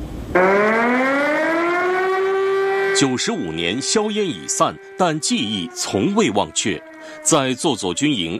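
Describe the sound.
An air-raid siren sounds at a military camp during a commemoration of the September 18 Incident, as soldiers stand solemnly in silent tribute to martyrs. It winds up from a low pitch into a sustained, loud, steady wail, then keeps droning in the background as a man begins speaking over it.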